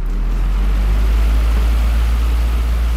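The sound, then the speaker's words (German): A steady whooshing drone with a deep low hum underneath, unchanging for the whole stretch, from an electric fan running continuously on a very warm night in an attic apartment, reminiscent of an airplane cabin's background roar. “Ja, das klingt ja so ein bisschen wie im Flugzeug mit dem Ventilator.”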